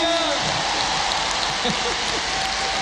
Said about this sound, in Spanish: ¡Un aplauso a mí!